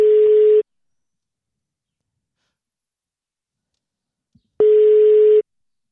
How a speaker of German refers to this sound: Und das Telefon klingelt, hoffentlich geht dran. Das ist jetzt aufregend.